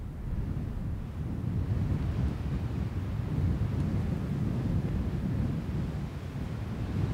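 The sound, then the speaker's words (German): Steady wind in the Sahara desert in western Morocco at sunset rushes and buffets across the microphone, a low, continuous roar with gusty fluttering that never lets up, heard alone with no voices. “Und dann ist da nur noch Wind, sonst Stille und Sonnenuntergang in der Sahara.”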